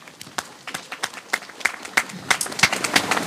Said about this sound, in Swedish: Och framförallt till er tappra kommunvalskandidater som står här nu och samsas under paraplyerna på ett jättefint sätt. Alltså, tack för det. Och om det är någon kvar, så gärna en applåd till de här kandidaterna.